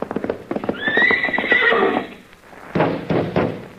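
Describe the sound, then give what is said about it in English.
A horse lets out a loud, wild whinny up close, its shrill cry wavering and falling, while hooves clop around it and thud again heavily afterward. “that's a nice horse you got there, Wonderful. He's a little wild, though, ain't he?”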